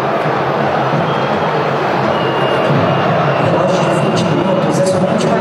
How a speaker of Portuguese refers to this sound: Olha aí a vaia. Sonora vaia do torcedor corintiano.